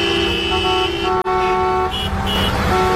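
Several car horns honk in a sustained, overlapping chorus on national road 501, busy with cars returning to their towns, as drivers honk at a Guardia Civil and UME convoy; loud and continuous with a brief break, engine rumble underneath.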